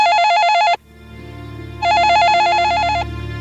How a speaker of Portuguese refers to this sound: O telefone tocou. E tocou de novo. E tocou outra vez.